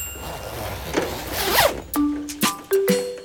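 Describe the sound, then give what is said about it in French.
A raincoat rustles as Toudoux, a storybook character, pulls it on to go out and play in the rain, then a zipper is yanked up in three or four quick, sharp bursts, with no one speaking. “Il enfile son imperméable.”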